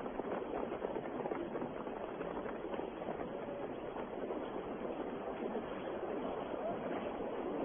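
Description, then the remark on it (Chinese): Steady rushing of river water flowing continuously at an even, fairly loud level, a dense wash of sound with no distinct splashes or pauses, as a soldier scoops up a handful of the river water to drink. “捧起一捧河水，贪婪地喝着。”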